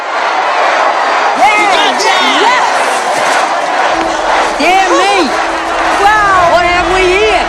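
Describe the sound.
A large crowd of striking child workers, the Newsies, floods the street holding signs reading strike and unfair and waving Newsies banners; they shout and cheer together, a dense, loud wall of overlapping young voices with rising whoops throughout, and a low steady hum joining in partway through.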